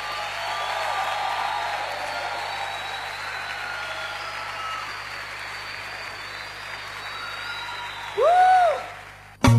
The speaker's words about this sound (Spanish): mándale ese aplauso fuerte.